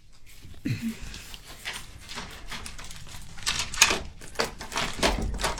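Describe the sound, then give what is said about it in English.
A front door is unlocked and opened after the doorbell rings, with a run of sharp clicks and rattles from the latch and handle, followed by a brief thump as it swings free. “Close the door.”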